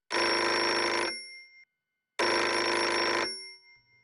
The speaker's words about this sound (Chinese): 然而，令人难以置信的是，当天晚上10:03，专案组专门留给小偷的那门绿色电话如警报般的鸣叫起来。